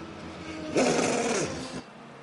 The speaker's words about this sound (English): Oh, how lovely was that blast of exhaust note.